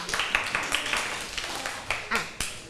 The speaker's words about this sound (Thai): โอเคปรบมือให้เพื่อนด้วยค่ะ